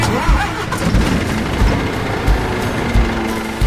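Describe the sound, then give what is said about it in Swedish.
A large diesel engine turns over and settles into a loud, steady rumble, with low throbbing pulses recurring every second or so beneath a rough mechanical clatter. “de har körts upp ur gruvan med gruvlastbilar på 300 ton och fraktats med långtradare och lokomotiv, alla med stora mullrande dieselmotorer under plåten.”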